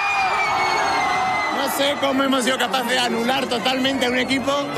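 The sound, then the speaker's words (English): A crowd of soccer fans whoops and shouts, celebrating Spain's win over Argentina, loud, with many excited voices overlapping in a steady, continuous roar for the whole stretch. “in shock as fans leapt and shouted around him.”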